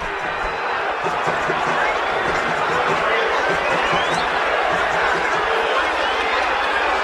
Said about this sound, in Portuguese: Vaias, cobranças, protestos. Esse tem sido o Santos Futebol Clube ao longo dos últimos anos. É fim de jogo na Baixada. Termina Santos 0, Remo também 0.